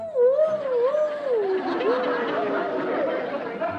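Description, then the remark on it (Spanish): A human voice mimics a coyote howl, a long wavering tone that slides up and down, loud, with a rough babble of other sounds underneath. “El niño llegó hasta el panteón, hasta las puertas del panteón, y escuchó que los coyotes decían... ¡Au!”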